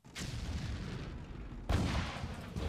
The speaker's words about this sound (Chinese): 没有人注意外面传来的炮声的远近。